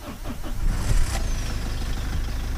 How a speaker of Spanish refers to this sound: A ver cómo arranca ese coche. Arrancamos el coche.